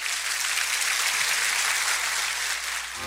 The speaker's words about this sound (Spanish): Denle un buen aplauso al Señor.